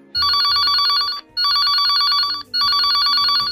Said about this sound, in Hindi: सुबह से फोन लगा रही हूँ पर उठा नहीं रहे। फिर से फोन लगाती हूँ लेकिन कोई रिसीव नहीं करता। मम्मी, लगता है दादू को कोई प्रॉब्लम है। सुबह से फोन लगा रही हूँ, घंटी बज रही है लेकिन फोन रिसीव नहीं कर रहे हैं।